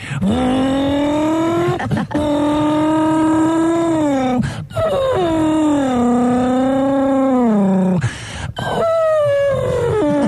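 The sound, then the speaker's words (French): A person makes a loud, sustained race-car engine noise with their voice, a droning rev with wavering pitch, broken by brief pauses for breath, across several long continuous bursts. “Et puis travailler aussi comme j'aimais bien faire le bruit de la voiture de course aussi.”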